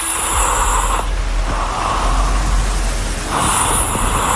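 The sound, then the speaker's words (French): A loud, rough snore with a steady low rumble, its breathy rasp swelling and fading in slow cycles across the few seconds. No one speaks. “Alors, on va se le dire tout de suite, c'est un ronflement.”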